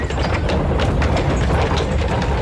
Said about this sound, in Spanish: un momentito porque tenemos que dejar pasar a un carro.